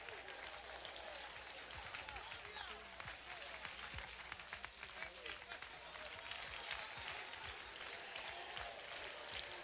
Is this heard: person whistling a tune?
no